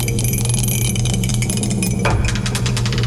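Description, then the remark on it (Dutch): A die being rolled for a radio game: a rapid series of clattering impacts drenched in a ringing reverb that lingers over a steady tonal hum, growing busier and louder toward the end. “De dobbelsteen erbij. Ik zet de galm weer aan.”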